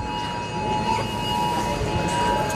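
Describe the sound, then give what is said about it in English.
Many phones in a supermarket blare a government emergency alert together, a loud, steady, high electronic tone holding unbroken throughout over a wash of background noise. “So the alarms are going off at the supermarket.”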